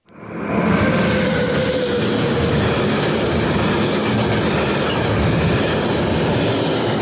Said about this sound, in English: Yes, there is a train that runs through Yass.